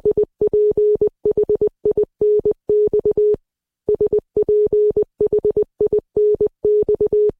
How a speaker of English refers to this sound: That is the word Sphinx repeated twice in Morse code. Composer Valerie Coleman turned that rhythm into this music.